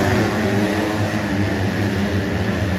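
Motocross motorcycle engines roar at the Motocross World Championship round in Teutschenthal, Germany, in a steady, loud wash of noise, with a low droning rumble and buzzing harmonics that hold throughout without pause. No one speaks.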